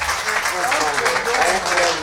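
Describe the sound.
A crowd claps steadily, a dense, continuous wash of applause at a fairly loud, even level with faint voices or cheers blended in.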